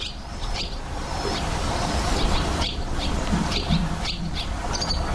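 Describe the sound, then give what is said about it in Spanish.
Swallows twitter at the pond of the Real Jardín Botánico in Madrid, in a busy, overlapping chorus of quick high chirps and trills. They repeat in bursts over a steady low rumble, with no voices. “Y además cantan, trisan. Trisan, así trisan las golondrinas.”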